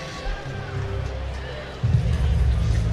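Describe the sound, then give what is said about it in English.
A stadium crowd of Twins fans murmurs, then swells into a louder, sustained wave of mock cheering, a Bronx cheer, about two seconds in, after Arcia's base hit to left field in the bottom of the ninth, the Twins' first hit since the fourth inning. “Kind of a Bronx cheer from the Twins fans.”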